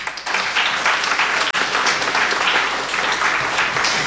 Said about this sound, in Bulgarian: За 15-ти път лауреатите на класацията на тъпяване ще получат пред вас красивите статуетки, дело на художничката Александра Гайдова и най-важното – вашите аплодисменти.